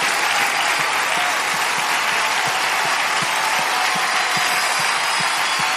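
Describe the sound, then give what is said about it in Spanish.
An audience at a Christian worship service, broadcast on Radio Vida, gives a loud applause to the Lord in thanks. It is a dense wash of many hands clapping steadily throughout, with a faint murmur of voices mixed in. “O darle ese aplauso fuerte al Señor y dile, Señor, gracias.”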